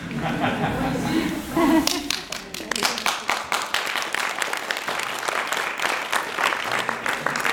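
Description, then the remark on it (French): A couple of seconds of murmuring voices give way to a burst of applause for a performing act of unicycle, guitar and juggling, many hands clapping in a dense, steady patter that keeps going to the end. “qui vont nous présenter un numéro contenant du monocycle, de la guitare et du jonglage, tout ça à la fois, et on peut les applaudir, mais pas tout de suite, parce qu'ils sont en train de ranger là.”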